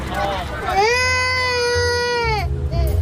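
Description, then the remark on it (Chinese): A child cries out in one long, loud, high-pitched wail that holds steady for over a second before breaking off, with a low rumbling background noise underneath. “哦，不哭不哭啊！”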